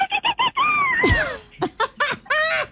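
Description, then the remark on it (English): A bottlenose dolphin call heard in the distance: a quick run of squeaky chirps, a long gliding whistle that swoops downward, then more bursts of bright, chattering squeals, fairly loud and with no other sounds. “A bottlenose dolphin let out a triumphant call in the distance.”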